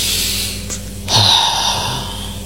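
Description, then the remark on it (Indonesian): A single deep, audible breath drawn in, a steady airy hiss that swells after a brief pause and holds to the end, with no talking. “Jadi buat lo yang lagi ngerasain tekanan, bingung arah, atau mungkin kejedot ekspektasi, tarik nafas dalam-dalam.”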